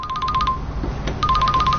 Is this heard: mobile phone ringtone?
yes